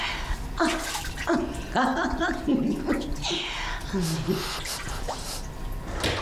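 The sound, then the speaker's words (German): Water splashes and sloshes in a bathtub in a steady, noisy wash, with drippy bursts throughout and voices talking over it. “Soll ich dich auch mal nass spritzen?”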